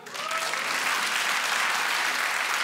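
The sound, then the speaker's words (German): An audience breaks into steady applause in answer to being asked whether they have children, a dense wash of clapping that swells quickly and holds at a fairly loud level throughout, with a faint voice or two briefly audible at the start. “Habt ihr Kinder? Einmal per Applaus.”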